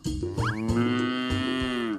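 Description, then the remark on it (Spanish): A cow moos once in a long, loud, sustained low call that rises slightly and holds steady before trailing off, heard alone with no talking. “¡Es el de una vaca!”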